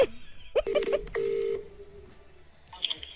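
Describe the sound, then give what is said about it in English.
Several quick telephone keypad tones beep in rapid succession as someone dials to call back, followed by a slightly longer held tone, then quiet background noise with a faint high blip near the end. “But now, I still haven't gotten what I wanted, so... Make I called back.”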